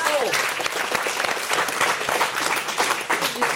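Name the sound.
audience applause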